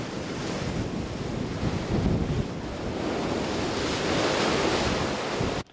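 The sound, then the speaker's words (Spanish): Heavy, destructive ocean surf in Long Beach, driven by the remnants of Storm Rachel and pounding the coast for a fourth straight day, roars steadily: a dense, rumbling wash of crashing waves with gusty wind noise buffeting the microphone, loud and continuous until it cuts off abruptly at the end. “Ocho edificios que albergan 13 viviendas fueron declarados inhabitables mientras el fuerte oleaje continúa azotando la costa por cuarto día consecutivo.”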